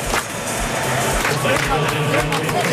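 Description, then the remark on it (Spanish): A stadium crowd at a football match claps in a steady rhythmic beat in typical South African folk style as the players step onto the pitch, loud and dense, with a roar of many voices filling the background throughout. “No son palmas flamencas, son el folclore típico sudafricano.”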